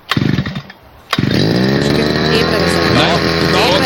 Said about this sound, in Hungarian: Figyelj, beindítja a videót, vett arra, hogy kell beindítani a fűkaszát, megőrülsz. Fűkasza próbavágás. Figyelj. Na? Na, fél, berántja.